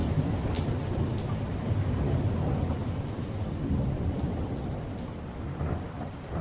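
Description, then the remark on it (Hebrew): Heavy rain pours down steadily onto a ship's deck in a dense, continuous wash, with deep rumbling thunder rolling underneath throughout. Loud, no voices. “בעוד 8 דקות מגיע מבול רציני, הייתי מדווח להם באמצעות רשת הקשר הפנימית של הספינה, ומצחקק לעצמי ברשעות, כשבדיוק 8 דקות לאחר מכן הריה שוטף את הסיפון גשם זלעפות, ומרטיב אותם עד התחתונים.”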